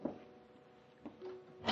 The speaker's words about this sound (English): Sharp on the instant of 9:30, there was a fumbling at the outer door of the house. And the front door slowly opened.